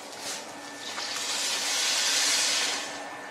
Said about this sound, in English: So we put a little salt and warm water.